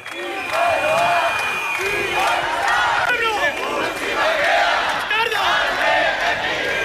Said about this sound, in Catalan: Són els crits que avui han fet unes 2.000 persones, segons dades de la Policia Municipal de Bilbao, que s'han manifestat pels carrers del centre de la ciutat per denunciar l'actuació de l'Ertzaintza ahir en el moment de l'arribada dels activistes